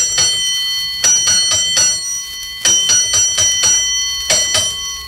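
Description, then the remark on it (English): A fire alarm signal bell, a signal coming from headquarters, strikes out in short clustered bursts of bright, metallic rings, each stroke leaving a high sustained tone before the next group begins. No voices are heard. “Signal's coming from headquarters all right now?”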